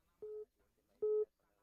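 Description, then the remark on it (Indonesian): Two short, steady beeps of a telephone line connecting tone as a caller comes in on telephone line Pro 4 of the Pro Dangdut radio show, evenly spaced about a second apart, clear and fairly loud over a faint background murmur. “Beta Terima Lagi dari Line Telepon Pro 4.”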